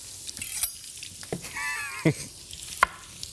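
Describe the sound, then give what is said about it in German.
Fried potatoes sizzle and crackle steadily in a frying pan, with a few sharper pops and scraping, stirring sounds partway through. Moderately quiet, with no voices. “Wichtig ist ja immer, dass man die Bratkartoffeln auch mal lang genug in der Pfanne einfach brutzeln lässt, genau, und nicht sofort anfängt rumzurühren.”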